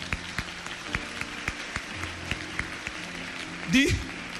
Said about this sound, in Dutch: Kom maar, laten we de Heer een applaus geven.